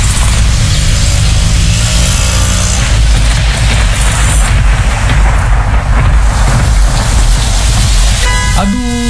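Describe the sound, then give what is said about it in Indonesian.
A sudden heavy downpour roars steadily, a dense continuous hiss with a low rumble underneath, staying loud for the whole stretch until a brief different sound cuts in at the very end. “Kenapa tiba-tiba hujan?”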